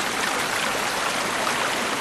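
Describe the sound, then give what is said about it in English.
A steady, loud rush of fast-flowing water from a mountain stream, a dense continuous hiss and churn with no breaks or other sounds standing out. “Dipping, as well as the rhythmic flicking of the dipper's flashy white eyelids, may be a way of using body language to communicate, since rushing rivers can be so noisy they drown out bird calls.”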